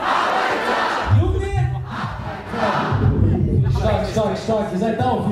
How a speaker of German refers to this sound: Beim Konzert in München brauchen sie keine 30 Sekunden, um das Publikum mitzureißen und zum Feiern zu bringen.